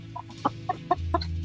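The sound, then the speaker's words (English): A chicken clucks in a quick series of short, choppy calls, about half a dozen in a second and a half, clear over a steady low background hum. “The chicken is humanity's top source of meat protein today.”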